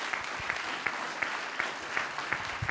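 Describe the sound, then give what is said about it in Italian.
Sustained audience applause for Liguria Region President Marco Bucci and Fabio Ciciliano, head of Italy's National Civil Protection Department, a dense wash of many hands clapping steadily, with a few sharper claps standing out at a regular, quick rhythm throughout. “Ciao Presidente, siediti pure lì e l'applauso più forte, anche perché viene da più lontano, e poi al capo l'applauso si deve sempre fare molto forte, il capo del Dipartimento Nazionale di Protezione Civile, Fabio Ciciliano.”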